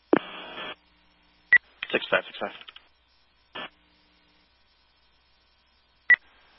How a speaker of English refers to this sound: Acknowledging tones for the patrol burn, smoldering again.